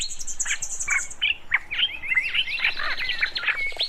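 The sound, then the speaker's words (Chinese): Several birds chirp and tweet in quick, overlapping bursts of high, sliding notes, with a steady insect-like trill underneath at the start. No one speaks. “只睡了一会儿，就被鸟叫声吵醒。”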